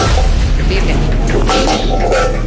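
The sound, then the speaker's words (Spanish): A motorcycle exhaust backfires in a few sharp cracks and booms meant to imitate gunshots, over a loud, steady rumble, with voices talking underneath. “Para que le digan a todos los muchachos que le quieren motos, que no utilicen eso de esos para hacer esos sonidos simulados a tiros.”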